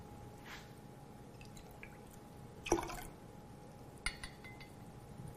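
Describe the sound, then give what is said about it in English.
The juice of two lemons is added to water: one clearer splashy drip, then a smaller one a moment later, over a faint steady hum with no talking. “You're also going to put the juice of 2 lemons in there.”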